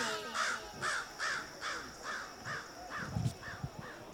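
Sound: raven cawing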